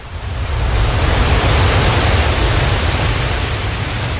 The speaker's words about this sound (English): And then, on a spring tide, the storm was pounding. I could not hear anything except the beating tumult of the waves pounding themselves against the fallen trees and the eroding dunes.